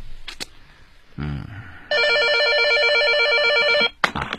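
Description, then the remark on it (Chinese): A telephone rings loudly in one sustained electronic burst of about two seconds, a bright buzzing trill that cuts off abruptly, preceded by a few soft knocks and rustles. The call is from the manager of a property management company. “物业公司的孙经理来电话，说汪国强不见了。”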